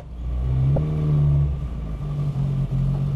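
A car engine reassembled by the driver revs steadily with a low droning hum and strong harmonics, its pitch holding level apart from a brief dip, loud and continuous with no talking.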